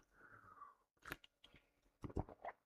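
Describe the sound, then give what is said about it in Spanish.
A sip of a cold ginger drink: a short wet slurp, then a few crisp, crunchy mouth and swallowing noises in quick bursts, with no one talking. “Yo he tomado un traguito”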